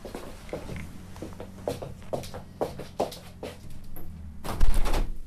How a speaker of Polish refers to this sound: Zamknę drzwi, bo motor jest.